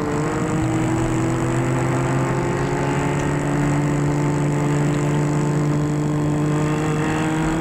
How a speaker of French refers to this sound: La voiture s'arrête devant la maison.